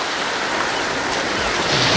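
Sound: ocean waves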